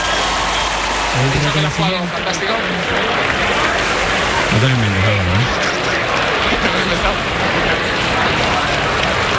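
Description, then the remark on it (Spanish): A large tennis crowd gives Roger Federer an ovation, applauding without pause in a dense, steady roar of clapping. Two short vocal bursts rise briefly above the noise, one early and one midway. “La verdad que la ovación que le están tributando a Roger Federer”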